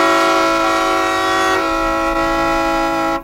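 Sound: horn honking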